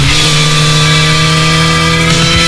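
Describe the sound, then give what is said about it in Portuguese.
A motorcycle engine runs loud and steady with a throaty, humming drone, its pitch holding level before shifting slightly at the very end, in an advertisement for the fifth Encontro Motard de Apúlia motorcycle rally. No voices are heard. “Liga o motor, chama a tua família Motard e faz parte desta história.”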